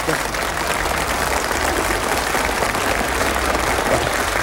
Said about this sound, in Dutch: Ja, applaus!